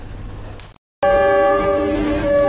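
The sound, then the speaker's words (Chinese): A loud, sustained train horn blares with steady harmonic tones after a brief cut, preceded by rumbling rail noise, as a summer tourist special train carrying hundreds of tourists from southern China pulls into Mohe station in Heilongjiang; no voices are heard. “伴随汽笛声，又一趟满载着数百名南方游客的避暑旅游专列驶入漠河站。”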